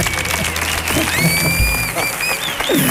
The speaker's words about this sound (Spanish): Bueno, ya está aquí con nosotros uno de sus queridos personajes. Fuerte el aplauso para M.A. Barracus.